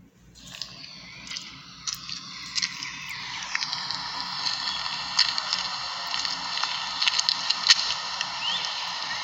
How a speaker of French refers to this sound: Là, c'est moi qui se déplace. C'est mon pas que vous entendez.